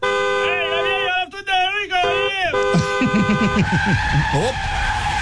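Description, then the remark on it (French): In a busy Chinatown street, a fire truck skids with a loud, warbling screech like tires skidding for a couple of seconds and hits a woman. Excited voices follow over a wavering high tone, and no clear impact is heard. “vient de se faire frapper par un camion de pompier”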